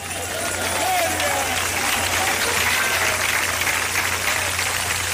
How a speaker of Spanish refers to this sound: Cuando aplauda, hermano, aplauda a todo el mundo. Porque aquí lo más lindo es que estamos juntos, unánimes.